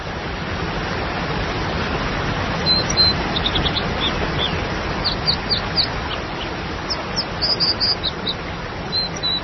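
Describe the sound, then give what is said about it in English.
An American dipper, a plump slate-colored bird, sings in bright, high chirps and trills, scattered in short bursts over the steady, loud roar of a waterfall. “The sound of the American dipper, a plump slate-colored bird.”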